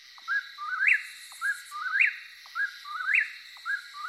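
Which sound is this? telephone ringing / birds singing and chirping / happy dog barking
birds singing and chirping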